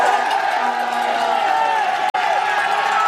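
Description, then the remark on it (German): A loud, dense crowd of spectators on the Alpe d'Huez mountain finish of the Tour shouts and cheers without pause, many overlapping voices blending into a steady roar, broken only by a split-second dropout near the end. “Ja, da schreien sie.”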